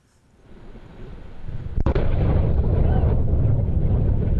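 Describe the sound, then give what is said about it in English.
A Blue Origin rocket explodes on a launch pad in Florida during a routine engine test: a low rumble swells, a sharp blast cracks out, then a loud, continuous roaring rumble fills the rest, with no voices. “Blue Origin, the space company founded by former Amazon CEO Jeff Bezos, says it is investigating why its rocket exploded on a launch pad in Florida during a routine engine test.”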